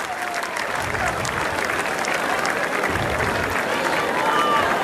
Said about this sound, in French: Matteo Arnaldi qui applaudit, on aurait pu nous mettre le plan large, hein, qui applaudit la sortie du court de Raphaël Collignon.